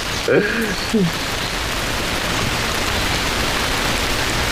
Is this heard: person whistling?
no